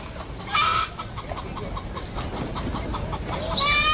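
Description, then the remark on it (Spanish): Hens in a henhouse cluck in a steady run of short, repeated notes, broken by a loud, harsh squawk early on and another sharp, rising squawk at the end. No one speaks. “El corral de las gallinas, a diferencia de la troje, que era de láminas y adobes, estaba construido como un cobertizo, donde chiquihuites y cajones de madera desvencijados hacían de nidos para las aves de corral.”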